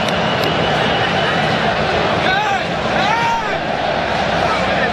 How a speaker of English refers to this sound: And listen to the round of applause for these two. Alexander Isak and Viktor Jokeris both coming off.